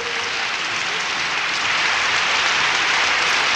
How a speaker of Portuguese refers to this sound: Seja bem-vindo à família Canta Brasil. Aplausos pra ele!